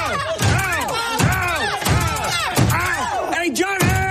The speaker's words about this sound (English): like when Ham's Mad Men co-star John Slattery's foot keeps getting slammed in a door